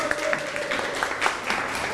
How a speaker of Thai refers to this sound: เดี๋ยวเชิญตัวแทนนะครับมาด้านหน้าแล้วก็ตอบแต่ละข้อให้ฟังได้เลยครับนักเรียนปรบมือให้ตัวแทนด้วยครับ